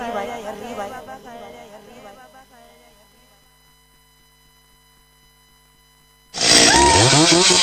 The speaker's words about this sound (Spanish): Oye, papá, ¿esa motosierra es agrícola, ocasional o profesional?